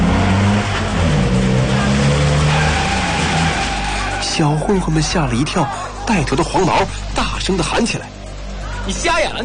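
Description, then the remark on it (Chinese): A silver Mercedes-Benz sedan's engine roars to life and accelerates hard, speeding toward a group of street thugs, its pitch climbing in a loud, rising whine. The engine keeps droning underneath once a voice starts talking. “奔驰车立即发动了，黑豹高速启动的银色轿车旋风般的急速驶来。”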